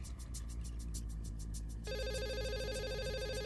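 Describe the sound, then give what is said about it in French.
A telephone in a hotel room rings with rapid bell-like trills, repeating in steady bursts, then shifts to a continuous electronic warble partway through. Loud, with no voices. “Tony sortit de la salle de bain et traversa la chambre d'hôtel pour répondre au téléphone”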